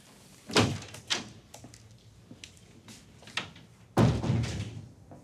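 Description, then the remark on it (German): A door is opened and closed: a couple of sharp clunks and latch clicks, then a heavier thud as it shuts, followed by a brief rattling settle. No one speaks. “Andere Tür.”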